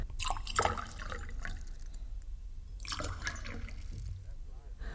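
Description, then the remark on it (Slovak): Fresh water pours from a jug in uneven splashing gushes, with brief pauses between pours and faint voices murmuring underneath. “A dajte mi doniesť krčach čerstvej vody. A pre pánov krčach dobrého vína.”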